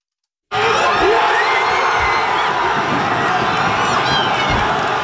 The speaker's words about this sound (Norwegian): Heftig jubel under nattens VM-kamp. På universitetet har forskerne fått merke feiringen.